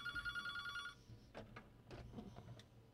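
A telephone rings with a single bright, warbling burst lasting about a second, then stops, followed by soft clicks and rustling like a handset being picked up.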